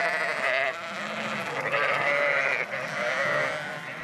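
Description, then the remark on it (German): A flock of sheep, kept for coastal protection by grazing a dike, bleating continuously, several overlapping wavering calls layered into a steady, fairly loud chorus with no pauses. “Die Schafe sind wichtig für den Küstenschutz, halten die Grasnarbe kurz und verdichten mit ihren Huftritten den Boden.”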